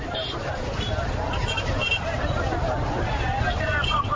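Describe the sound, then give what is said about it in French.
A dense, steady crowd hubbub of many overlapping voices with a low rumble of vehicle and motorcycle traffic beneath, continuous and fairly loud, on Avenue Koudoukou by the Kilometre 5 market in Bangui's 3rd district, where traders display goods on the roadway, disrupting vehicles, motorbikes and pedestrians. “Sur l'avenue Koudoukou, la circulation des véhicules, des motos et même des piétons est fortement perturbée.”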